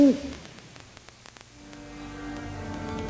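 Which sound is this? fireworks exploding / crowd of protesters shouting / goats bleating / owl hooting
owl hooting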